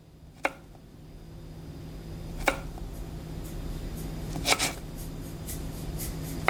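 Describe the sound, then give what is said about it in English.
Celery being chopped with a knife for a soup: a few sharp, crisp taps on a board, slow and irregularly spaced, over a steady low background hum. “In case you're interested in the recipe, I started by chopping celery.”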